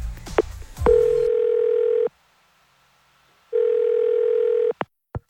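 A phone call ringing out: two long, steady electronic ring tones separated by a pause of silence, preceded by brief clicks and button tones, then a couple of faint clicks at the end.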